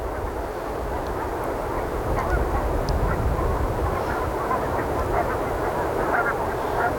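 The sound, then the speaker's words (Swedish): A flock of geese, moving back and forth between fields by the sea, honks in scattered, overlapping calls over a steady rush of wind and low rumbling noise, the birds faint. “De rör sig hela tiden, gässen, fram och tillbaka.”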